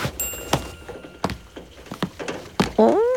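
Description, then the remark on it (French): Rubber boots being pulled on while it rains outside: a series of dull thunks and bumps at an uneven pace, ending in a short, high rubbery squeak. No one speaks. “Toudou met ses bottes en caoutchouc.”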